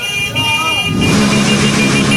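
Motorcycle horns honk steadily amid loud street traffic on the Westkruiskade as people celebrate a Morocco win, the sound swelling and growing denser halfway through, with engine rumble and the murmur of a crowd in the background.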